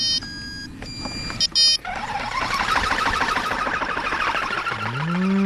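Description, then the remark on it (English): An electronic bird deterrent on a farm, used to protect fruit and keep birds away, blares steady synthetic tones, then bursts into a dense, loud stream of shrill chirps and squawks, ending with a rising electronic sweep. No one speaks. “In a moment, we're off to a farm to check out some pretty cool technology being used to protect fruit. This is what it sounds like.”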